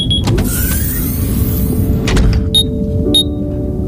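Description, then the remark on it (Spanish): A sci-fi capsule hatch on module 14C of a submarine vessel whirs shut with a steady motorized hum over a deep rumble, followed by a few short, high electronic chirps from the module spaced about half a second apart. “La cápsula de Indiana se cierra mientras la respiración de su ocupante se va ralentizando, acompasada por el suave oleaje marino.”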